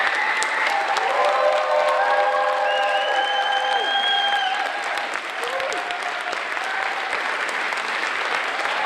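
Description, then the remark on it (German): Loud, sustained applause from an audience of children at the end of a premiere performance, dense clapping throughout with a few high whistle-like tones and cheers rising above it, easing slightly toward the end. “Gespannt haben die Kinder das Geschehen verfolgt und so gibt es am Schluss auch großen Applaus.”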